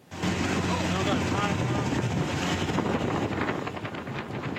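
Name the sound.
motorboat engine on water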